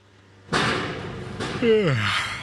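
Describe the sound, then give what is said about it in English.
Street construction noise from the MTA building a new subway on 2nd Avenue in East Harlem: a loud sudden bang opens a steady roar of machinery, followed by a second clanking hit and a whining, squealing tone that slides downward in pitch. “This stretch of 2nd Avenue is one big construction site.”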